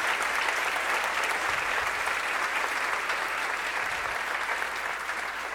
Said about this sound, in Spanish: Denle el aplauso grande a mi Señor Jesús.